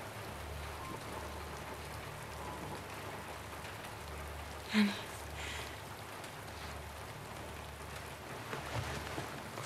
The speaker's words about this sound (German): Mama, es ist nur Regen. Es regnet nur.